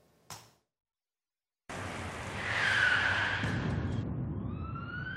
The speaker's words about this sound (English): The impact was deafening. A truck failing to yield the right-of-way broadsided the van